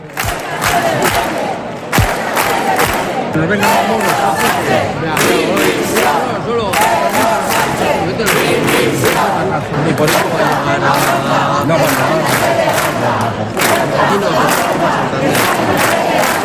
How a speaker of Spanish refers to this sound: Y aunque el acto terminó, muchos de los asistentes se quedaron en la plaza durante más de una hora manteniendo los gritos y las protestas. ¡Ceuta no se vende! ¡Ceuta se defiende!